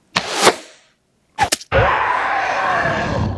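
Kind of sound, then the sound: sound effect, arrow shot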